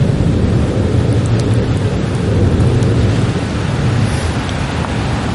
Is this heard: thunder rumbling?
yes